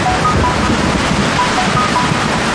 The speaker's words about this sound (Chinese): 这雨都下了六个小时了，越下越大了。